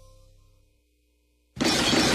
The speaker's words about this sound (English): Oops, something breaks, something falls, something shatters.